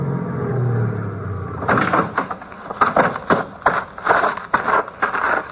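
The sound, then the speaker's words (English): A car engine rumbles low as it rolls to a stop, followed by a series of sharp clunks and shuffling, like a car door opening and shutting. It is the car seen coming out of Allardyce's. “that the car you saw coming out of Allardyce's?”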